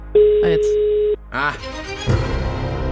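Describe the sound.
A single steady telephone ringing tone lasts about a second while placing a phone-a-friend call, with a brief voice overlapping it; after it stops, a person starts talking.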